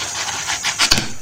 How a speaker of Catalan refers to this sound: Hi ha algú que diu, ja no llegiré mai més. Correcte. Tanca molt fort. Correcte. És un passar fulles de llibre molt ràpid.